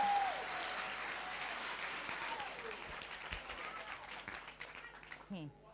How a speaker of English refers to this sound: Please, let's clap for the man from Okofanochi.